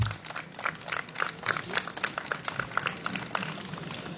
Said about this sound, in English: So please give her a big round of applause and a warm welcome.